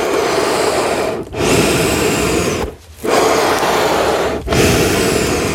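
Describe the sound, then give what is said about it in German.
Accordion bellows pushing and pulling air with no notes: a loud, steady breathy rush broken by three brief pauses where the direction reverses. Nobody speaks. “Okay, kannst du es einmal für uns atmen lassen?”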